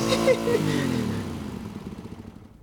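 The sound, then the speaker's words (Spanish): A motorcycle engine winds down from a high rev to a low, rumbling idle that sputters steadily for the last second or so, moderately loud. “Algún día voy a comprarme mi propia motocicleta.”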